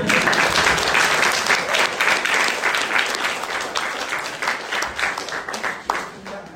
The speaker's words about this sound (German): Übrigens, mein Betreuer, bitte Applaus.